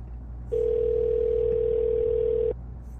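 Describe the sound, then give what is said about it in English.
A telephone ringing tone sounds once: a single steady, mid-pitched electronic beep lasting about two seconds, clear over a low background hum, with no talking. “Can't just not answer the phone.”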